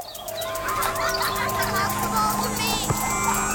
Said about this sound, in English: Ice cream truck!